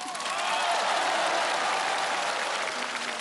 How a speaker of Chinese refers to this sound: 不要怀疑我吹牛，但凡给我鼓掌的，今年运势就是三个字。